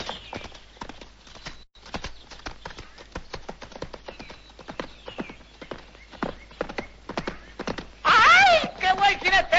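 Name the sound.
horse hooves clip-clopping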